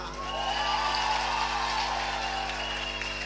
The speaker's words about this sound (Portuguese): Uma salva de palmas para a banda. Uma salva de palmas para a nossa menina, que se estreou tão bem aqui,